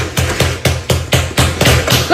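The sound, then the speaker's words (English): Loud, heavy pounding on a door, about nine forceful blows in a fast, steady rhythm, each a deep thud with a sharp crack, with a faint voice near the end. “Like, he's pounding on the door. Banging on the door.”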